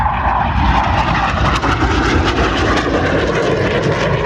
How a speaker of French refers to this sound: les avions de chasse. Franchement, je ne suis pas aviateur, mais je trouve ça fascinant. Ce que l'être humain est capable de faire pour vaincre la gravité avec des avions en métal, c'est incroyable.